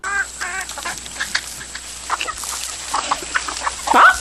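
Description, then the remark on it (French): Several hens cluck in short, irregular bursts in a henhouse, fairly loud, with a louder squawk near the end and a faint steady high whine in the background. “C'est quelque chose d'inouï, dit une poule dans un quartier de la ville où justement le scandale n'avait pas éclaté.”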